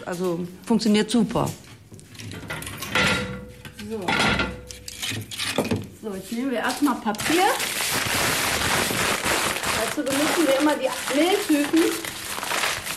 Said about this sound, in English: crumpling paper, tearing cardboard and building the wood into the oven so she can get a good burn going.